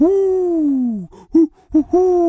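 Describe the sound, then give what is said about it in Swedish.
A human voice imitates an owl's hooting: one long, falling hoo, two short clipped hoots, then another sustained hoot, fairly loud with no other sounds around it. “Nej, så här låter ugglor.”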